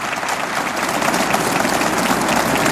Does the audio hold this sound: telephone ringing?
no